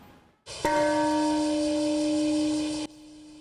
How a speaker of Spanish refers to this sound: Es la campana de la paz sonando en Hiroshima. Con esta ceremonia se conmemora las 170.000 personas que perdieron la vida en el primer ataque nuclear de la historia. Ha sonado a las 8:15 de la mañana, a la misma hora que se lanzó la bomba Little Boy